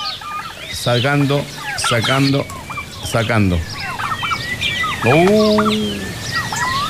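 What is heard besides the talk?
ducks quacking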